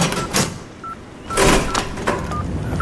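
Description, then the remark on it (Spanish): Sounds of a phone number being dialed: a few short, bright keypad beeps at uneven intervals, mixed with soft clunky clicks of the buttons being pressed. “Voy a llamarle.”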